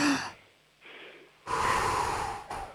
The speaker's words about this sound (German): Wir atmen nochmal gemeinsam durch, einatmen und ausatmen.